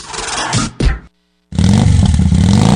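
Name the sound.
motorcycle engine revving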